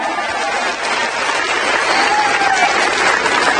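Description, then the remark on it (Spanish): A crowd applauds loudly and steadily for the Lord, a dense, continuous wash of many hands clapping for several seconds, with faint cheering voices mixed into the noise. “Dale ese fuerte aplauso a nuestro Señor.”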